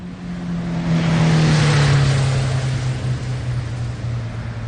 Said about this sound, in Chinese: 过了一会儿，轿车的发动机响了，穆延东带着无限的满足拉着林烟回到了市区。